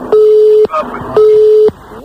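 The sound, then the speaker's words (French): Two loud, steady, mid-pitched beeps of a disconnected phone line, each about half a second long, with brief murmured voices in the gap between them and after. “Je sais pas ce qui a coupé, mais ça a coupé, en tout cas.”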